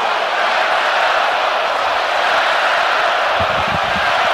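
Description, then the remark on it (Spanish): A huge stadium crowd roars continuously, a dense wall of cheering and applause that stays loud throughout, with some low thumping rhythmic bursts near the end, as the stadium responds to the applause of FIFA president Gianni Infantino, standing beside Mikel Arriola in the authorities' box. “Y el estadio responde espectacularmente ante el aplauso del jefe Gianni Infantino, posicionado junto a Mikel Arriola en el palco de autoridades, el máximo jerarca de la FIFA, junto al máximo jerarca de nuestro fútbol, Mikel Arriola,”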